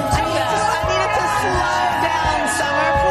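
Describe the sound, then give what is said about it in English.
A dense outdoor crowd at a morning TV show roars steadily for a few seconds, many voices blending into a continuous wash of cheering and whooping with no pause. “Another beautiful crowd and a beautiful morning.”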